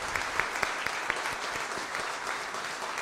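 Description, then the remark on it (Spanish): A crowd applauds the Virgin of Carmen steadily, a dense wash of many hands clapping at once with a few sharper individual claps standing out near the start, sustained without pause. “Y la que merece un gran aplauso es nuestra madre, la Virgen del Carmen.”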